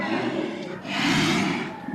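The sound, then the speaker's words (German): A brown bear gives a deep, rough, breathy roar that swells and holds for about two seconds, loud, with no one talking. “Ja, das sind Bärenrufe.”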